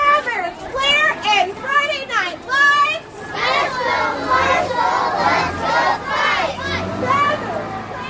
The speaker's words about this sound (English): Each class held a banner matching this year's homecoming theme and chanted slogans of support for Marshall